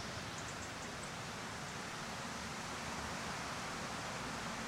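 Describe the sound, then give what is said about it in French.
A steady, unbroken rush of water from the river Lot, which runs alongside the village streets, fills the scene as a broad, even hiss with no pauses and no voices. “On entend le bruit de l'eau. C'est la rivière du Lot qui borde les rues.”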